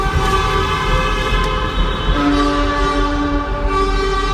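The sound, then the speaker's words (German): Car and truck horns blare together in a loud, continuous chorus of overlapping sustained tones at several pitches, with another horn joining partway through. Drivers honk in slow, heavy traffic in the Huttrop tunnel on the A52 in Essen. No one speaks. “Einer hat angefangen, der nächste hat mitgemacht. Es war ein wunderschönes Hubkonzert.”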